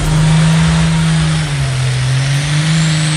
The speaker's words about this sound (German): So klingt's morgen in Edewecht. Ab 14 Uhr steht das Traktor-Pulling-Event inklusive Aftershow-Party an.